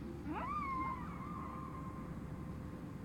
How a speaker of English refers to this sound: Well, those are the whales.